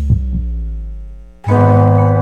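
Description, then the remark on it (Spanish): A single lub-dub heartbeat sound effect thumps at the start over a low sustained hum, then the hum fades and a loud, bright synthesized chord suddenly kicks in and holds. “La señal internacional que nació para escuchar los, para latidos, escuchar los latidos de la patria grande.”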